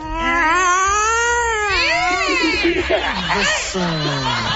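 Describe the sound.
Someone imitates cats yowling at night, drawing out loud, whiny wails that rise and fall in pitch for several seconds, breaking into shorter wavering cries toward the end.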